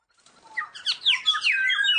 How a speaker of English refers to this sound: Another bird. Or is it an angry shout, like a warning to stay out of my territory? Could this be a traditional riff that has been passed down through generations of birds? Or is it a cool new phrase that these birds are just trying out?